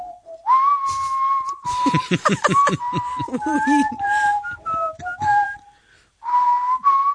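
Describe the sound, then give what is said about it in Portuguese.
A person whistles a melodic tune with sustained, gliding notes, clear, while a voice speaks over the middle of it before the whistling resumes alone at the end. “Então, tu assobias tudo o que quiseres. Por exemplo, temos alguém que assobia isto.”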